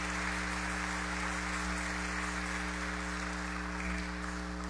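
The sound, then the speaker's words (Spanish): An audience at Mass applauds for the birthday celebrants in a steady, dense wash of clapping. The clapping holds at an even loudness for about five seconds over a constant low hum, with no voices. “Hermanos y hermanas, a los cumpleañeros y cumpleañeras les damos un fuerte aplauso.”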